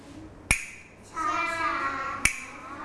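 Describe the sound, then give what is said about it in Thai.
Two sharp, dry clacks of a hand-held wooden clapper, a Thai krap mue used by a teacher to give signals to children, spaced slowly about two seconds apart to signal slow movement, with a voice speaking briefly between the strikes. “เครื่องดนตรีชิ้นนี้เรียกว่ากลับมือค่ะกลับมือเรียกว่ากลับมือนะคะจะให้เสียงสัญญาณกับเด็กๆนั่นเอง”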